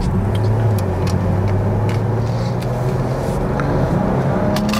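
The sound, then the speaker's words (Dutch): A BMW 4 Series Gran Coupé car engine runs steadily with a low, droning hum, its pitch shifting slightly and rising near the end, continuous with road or cabin noise around it. “Ah, luister, maar die motor is echt wel lekker hoor.”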